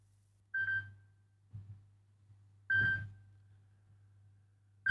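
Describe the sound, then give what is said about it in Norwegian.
A telephone rings in short, evenly spaced electronic bursts, three rings about two seconds apart, with a steady low hum underneath and no voices. “Det ringer, det ringer, hør, hvem kan det være?”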